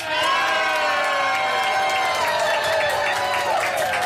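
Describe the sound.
A large outdoor festival crowd at the Tag der Niedersachsen at the Löwenwall in Braunschweig, in sunshine with a few clouds, cheers loudly and steadily, a dense wash of shouting and whooping voices that stays strong for the full few seconds, with some clapping mixed in.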